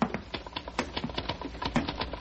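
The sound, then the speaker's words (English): Rapid, irregular typing on a typewriter by a man working up a ladder overhead: a steady stream of sharp mechanical clacks, sometimes bunched, sometimes spaced out, at a moderate level with no voices. “I mean, I hear him, his typewriter.”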